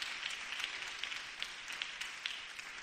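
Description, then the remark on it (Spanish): A crowd applauds steadily for Christ, the King of Kings and Lord of Lords, a dense, even wash of many hands clapping at once with scattered sharper claps poking through. It holds at a fairly soft level throughout, with no voices. “Démosle un aplauso al Rey de Reyes y Señor de señores.”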